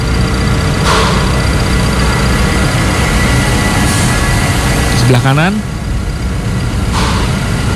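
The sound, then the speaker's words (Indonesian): A loud, steady generator engine drone runs in a factory's generator room, a constant low rumble and mechanical hum, while a man speaks briefly over it. “Ini ruang genset.”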